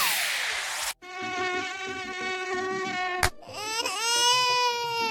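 A loud mosquito whine drones steadily after a short burst of hiss, breaks off for an instant, then returns with its pitch sweeping upward. No one speaks.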